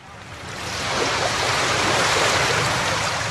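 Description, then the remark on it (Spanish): Gentle sea waves washing onto a beach, a steady soft roar of surf that swells slightly after the first second and then holds evenly, with no voices. “¡Qué tranquilo se ve el mar!”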